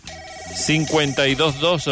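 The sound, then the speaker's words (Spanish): A telephone rings with a steady electronic tone as a listener call comes in on the Nostálgica classified-ads line, then a voice begins speaking, the ringing blending under the talk for the rest of the moment. “Activamos la línea, pues, para sus llamados”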